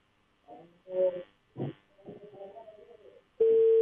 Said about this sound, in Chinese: 电话刚响一声呢，就被挂断了。